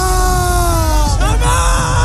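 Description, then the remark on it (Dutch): After the final whistle of the World Cup final that Spain won 1-0, a big crowd in Madrid loudly chants "España" in unison. The sustained voices slide downward in pitch before a brief break and a fresh surge, all over a dense roar of cheering. “Nou, onder meer in Madrid klonk het na het eindsignaal zo.”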